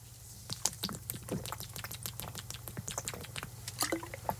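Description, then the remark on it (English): A plastic water bottle crackles and clicks as it is handled and opened, followed by sips and swallowing, over a steady low hum with no talking. “Right, I'm going to open, look. I'm not joking. Opening up my bottle right now.”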